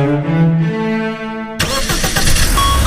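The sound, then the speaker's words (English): A car engine cranks with a steady, whining starter tone, then catches and bursts into a loud, rough roar as it revs up, with no voices. “Love your engine?”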